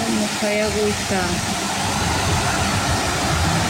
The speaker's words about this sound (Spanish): Te manda videito del aguacero que hay, pero ¿en dónde está ese aguacero?